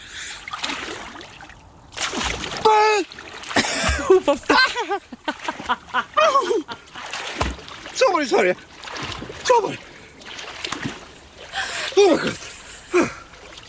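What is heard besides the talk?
splashing water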